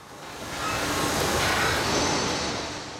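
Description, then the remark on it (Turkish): A deep, sustained rumble from a large track structure of concrete and bendable steel being lifted up off its supports and flexing, swelling in loudness and then easing slightly, with a broad, grinding texture and no voices. “Yapıdan uzun ve derin sesler geliyor. Bu pistin desteklerden yukarı kaldırılmak suretiyle esnediğini gösteriyor.”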